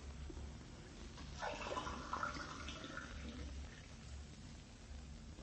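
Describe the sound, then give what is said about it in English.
A tap runs briefly, water splashing and filling a glass with drinking water for about two seconds before stopping, heard alone over a low steady background hum. “could I have a drink of water? Oh, sure thing. I'll have it for you in a jiffy.”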